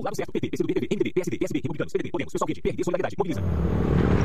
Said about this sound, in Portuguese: Amor, ouviu essa moto? Deve ser um entregador. Mas a gente não pediu nada.